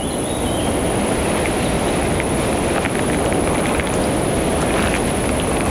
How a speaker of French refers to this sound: Le son aigu de l'insecte. Et quelques chants d'oiseaux diffus composent ce paysage lozérien.